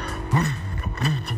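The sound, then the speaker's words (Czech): A listener's vocal imitation of a Harley-Davidson motorcycle engine, sent in to a radio show: a low, throaty, rhythmic chugging of about four loud pulses, with no words spoken. “Já jsem si vždycky představoval, že motorka Harley Davidson dělá takovýhle zvuk.”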